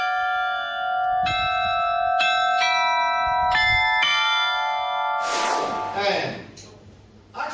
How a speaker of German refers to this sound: Dank der 16 Glocken haben sie jetzt die Auswahl aus 44 Liedern. Aber wie klingt er denn nun, der alte neue Glockenspielturm?